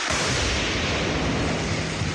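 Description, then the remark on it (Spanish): A loud, sustained roar of rushing noise, the blast and rumble of explosions outdoors in the Amazon jungle during military operations against illegal mining in Napo province, filling the whole stretch without pause. No voices are heard. “Explosiones en medio de la selva amazónica.”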